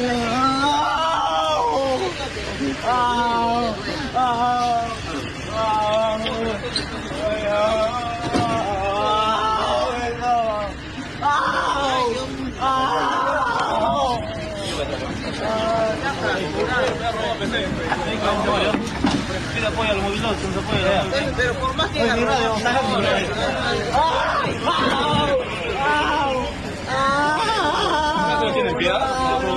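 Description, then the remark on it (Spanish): A man being detained by police cries and wails loudly in repeated wavering bursts, over a constant background of street traffic and other voices. “Pero bueno, este delincuente empezó a llorar, para variar, cuando fue intervenido por la policía.”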